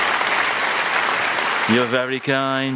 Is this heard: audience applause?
yes